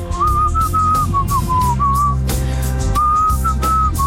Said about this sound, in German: Bei uns jeden Morgen um die Zeit geht es darum, ein Lied zu erkennen. Heute war es Gepfeife.